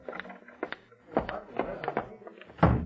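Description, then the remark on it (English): A door is opened and closed: a series of sharp clicks and rattling knocks, ending in a louder, heavier thump as it shuts. “Walk through that door.”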